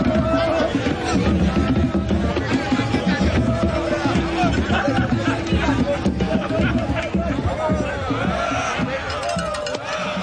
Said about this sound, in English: The crowd goes wild. And for everyone there, it's the confirmation that the Abakwa is obviously an extension of their own culture.